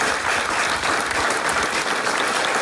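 A crowd applauds steadily, a dense, even wash of many hands clapping at constant loudness with no voices on top.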